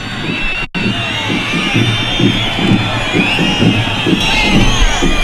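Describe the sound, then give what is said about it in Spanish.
A large crowd boos the Interior Minister, Fernando Grande-Marlaska, during his speech, loudly and steadily, a dense wall of overlapping jeering voices that carries on almost without pause, broken only by a split-second drop near the start. “Pero cuando más abucheos ha recibido el propio ministro del Interior, Fernando Grande Marlaska, ha sido cuando ha reconocido en el discurso sentirse dolido y rabioso.”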